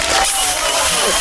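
A short burst of steady, loud applause from a crowd, dense clapping with some cheering mixed in, continuous for just over a second.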